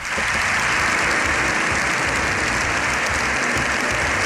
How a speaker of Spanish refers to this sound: Más de 7 minutos de aplausos, de ovación, se ha llevado el Papa León XIV en un abarrotado Congreso de los Diputados. Todos han aplaudido al pontífice,